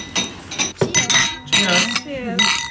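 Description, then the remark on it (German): Several bright glass clinks ring out close together, sharp chimes with lingering tones, as glasses of the year's first Neuer Süßer (new sweet wine) touch in a toast while voices murmur cheerfully in the background. “Cheers.”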